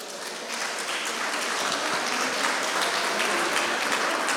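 A crowd applauding the mayor, Bjarni Johansen, steadily for several seconds, a dense wash of many hands clapping that swells slightly after the start and holds at an even, lively level with no voices.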